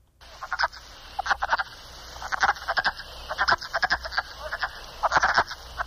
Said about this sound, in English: The way you remember that one, you got a wood frog. You also have a wood duck. The wood frog sounds kind of like it's quacking.